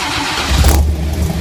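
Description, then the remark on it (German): A loud, deep 1967 Ford Mustang V8 engine roars, its low rumble swelling briefly as though revving, then settling into a steady throaty growl with no voices present. “es ist ein Ford Mustang, Nightmare.”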